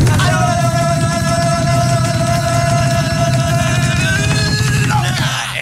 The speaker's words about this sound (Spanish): ¿Listos, preparados con el grito de guerra? ¿Están listos, chicos? Sí, capitán, estamos listos. En 3, 2, 1.